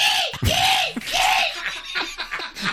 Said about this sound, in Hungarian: És akkor most jön a sirály.